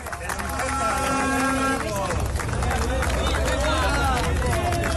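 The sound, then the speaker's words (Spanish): A group of pickets outside the Tubos Reunidos factory in Amurrio jeers and shouts as part of the workforce returns, many voices overlapping loudly and continuously, with scattered ironic clapping mixed into the din. “Accedían entre aplausos irónicos y reproches del grupo de piquetes apostado en el exterior.”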